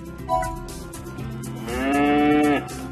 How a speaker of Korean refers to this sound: 우리가 찾던 울음소리의 주인공을 찾았어. 울음소리의 주인공은 젖소였구나.